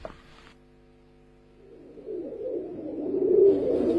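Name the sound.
pigeons cooing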